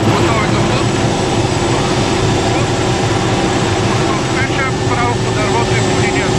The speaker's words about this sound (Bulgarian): Единственият начин, по който военният хеликоптер Кугър може да спуска вода, е като един от членовете на екипажа се е провесил от отворената врата на машината. Целта е да се облее дърво, което е в пламъци.